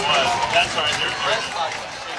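A crowd at an Elkhart Lions football game stomps their feet on metal bleachers in the fourth quarter, a dense, steady clatter of many feet blending with loud crowd noise and voices throughout, with no clear pauses.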